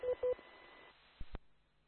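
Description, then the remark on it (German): Two short, loud DTMF keypad tones beep in quick succession as keys are pressed on a radio, followed after a pause by a couple of dull clicks over a faint, narrowband hiss. “Ja, hier wird wieder fleißig gedrückt.”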